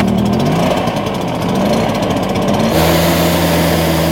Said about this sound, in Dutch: Ik hoor ook dat in Elum zijn burgers, die gaan noem je dat ding? De bladblazer, die is de tuin schoonblazen, omdat er allemaal kevers zitten.